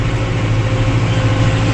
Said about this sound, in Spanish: Así va, en su tractor.